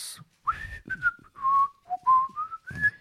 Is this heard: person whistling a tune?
yes